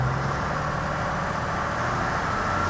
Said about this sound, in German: Es wird gleich laut. Der Schlepper fährt gleich mit Vollgas und das Gerät macht auch noch seine Schwingung. Und dann wird das ein bisschen ungemütlich. Machen wir Zapfwelle an.